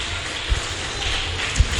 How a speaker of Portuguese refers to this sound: Palmas pode glorificar o Deus de Israel.